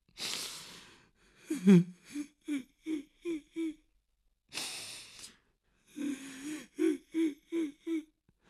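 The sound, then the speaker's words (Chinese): A voice imitates sudden crying heard in a room where one man is alone: a breathy inhale followed by a string of short, rhythmic sobbing pulses, another gasping breath, then a second run of sobs, fairly loud with no talking. “可他这话刚说完，就忽然听见有哭声。”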